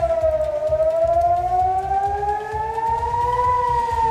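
A loud air raid siren wails steadily in Israel in the early morning as Iran's Revolutionary Guard launches missiles, its tone slowly rising over several seconds, with a low rhythmic rumble underneath and no voices.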